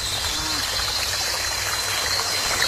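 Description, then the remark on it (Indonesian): A steady, continuous rush of flowing river water fills the scene, even and unbroken from start to finish, with a low rumble beneath a bright hiss and no distinct splashes. “Dulu waktu saya masih muda, sungai ini jadi tempat main anak-anak kampung tiap sore.”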